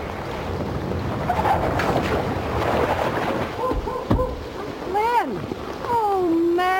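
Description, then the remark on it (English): Steady, broad rushing floodwater from a fast-rising river fills the scene with a wind-like roar, joined near the end by rising and falling tonal whines that may be an engine or voices. “Water's coming up fast.”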